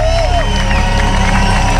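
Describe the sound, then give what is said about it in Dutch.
A large concert crowd at the Rock Werchter festival roars with continuous applause and cheering after a band's set, dense and loud, with a few whistles rising above the din and voices mingled in the noise. “Je hoort vooral nog veel applaus.”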